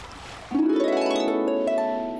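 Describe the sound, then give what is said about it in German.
Hungry otters being fed fish let out a loud, sustained screeching cry that starts abruptly after a brief hiss, holding a steady, slightly rising whine for nearly two seconds with no talking. “Und sie schreien immer noch.”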